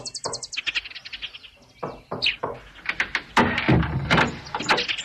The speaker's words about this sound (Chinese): 天刚亮，胖子就气喘吁吁地跑来敲门。